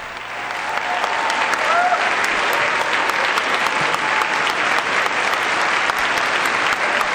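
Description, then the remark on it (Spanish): Sustained applause from a large audience of participants at a meeting at UNESCO headquarters, acclaiming the Pope: dense and steady clapping that swells in the first second and holds at a loud, even level throughout, with faint cheering mixed in. “El aplauso que recibe al Santo Padre, esa gran aclamación de todos los participantes en este encuentro.”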